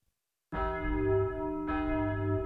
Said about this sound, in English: There's the bell, boys. So that will be all for today. Class dismissed. Enjoy your weekend.